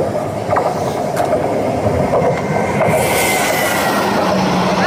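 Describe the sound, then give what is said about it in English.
A played train sound effect rumbles steadily with faint rhythmic clacks, and a thin metallic squeal and brighter hiss rise over the roar in the second half. Loud, with no voices. “this doesn't sound like a train”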